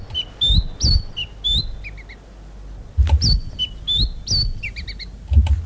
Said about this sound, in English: Voting is over and the results for Bird of the Year are in. The Black Robin soars over the rest.